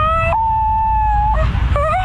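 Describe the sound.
A bird-calling kid imitates a common loon's wail while announcing the Hawks' schedule opponents as birds: a sustained, mournful whistle-like tone held steady, then a brief break and a second rising note, loud over a low background rumble.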